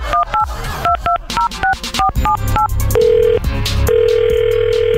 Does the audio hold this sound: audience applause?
no